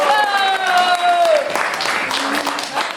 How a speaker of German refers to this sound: Applaus!